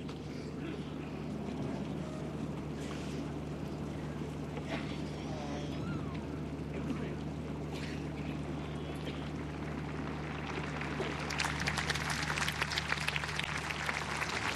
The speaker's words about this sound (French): Les pèlerins qui applaudissent ce discours du pape Léon XIV, une ode à la Vierge Marie,